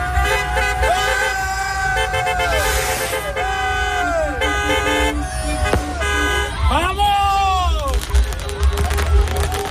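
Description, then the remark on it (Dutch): Car horns honk over and over in a street in Enschede as Spanish football fans celebrate Spain's 1-0 World Cup final win over Argentina, long overlapping toots rising and falling, with a busy crowd murmur and traffic rumble underneath. “Die gingen daar toeterend de straat op.”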